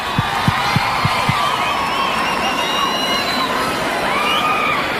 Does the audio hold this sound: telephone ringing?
no